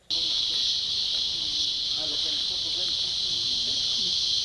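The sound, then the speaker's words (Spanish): A loud, continuous cicada chorus buzzes steadily throughout, a dense high-pitched drone with no breaks, while faint lower sounds flicker underneath. “Antes y durante la temporada de lluvias, el sonido de las cigarras o chicharras domina el paisaje sonoro en los bosques y áreas naturales en zonas urbanas.”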